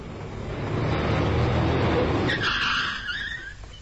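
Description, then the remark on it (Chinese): A car speeding along a road at night roars closer with a broad engine rush, then its tires screech sharply as it skids to an abrupt halt beside a woman walking alone, the squeal trailing off into quiet. No voices are heard. “疾驶的小汽车突然停在了江燕燕的身旁，只见夏欢和张志鹏钻出小汽车，一前一后挡住了江燕燕的去路。”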